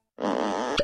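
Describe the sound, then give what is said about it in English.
A comic sound effect of a butt being worked off, in a Duluth Trading underwear advertisement: a loud, raspy, buzzing fart-like blare lasting under a second, capped by a quick popping plop. No one speaks. “That is the sound of a butt being worked clean off.”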